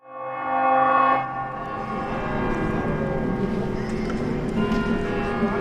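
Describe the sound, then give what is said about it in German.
Busy ambience at the railway station in Ljubljana, Slovenia, on a cool January day with a little snow thawing outside: a steady wash of crowd murmur and movement, a sustained horn-like tone early on, and faint bell-like chimes scattered through the background. “Ein bisschen Schnee taut langsam vor dem Bahnhofsgebäude von Ljubljana.”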